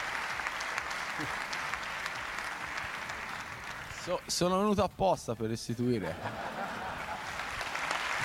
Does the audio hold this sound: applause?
yes